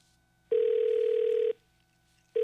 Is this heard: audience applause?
no